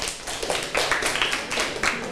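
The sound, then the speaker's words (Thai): Students in a classroom applaud a classmates' group for answering a question about environmental problems. A dense, steady patter of many hands claps together at moderate loudness for a couple of seconds, with no voices over it. “เลยปรบมือให้เพื่อนหน่อยค่ะ”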